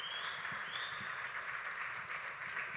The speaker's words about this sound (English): Gracias, Señor. Démele un fuerte aplauso al Señor. Thank you, God. Give the Lord a strong applause.